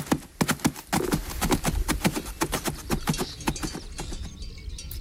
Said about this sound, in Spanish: o los cascos de los animales de labor. Algunos todavía pueden oírse en demostraciones o donde se mantienen estos oficios, pero ya no forman parte del sonido habitual de los pueblos.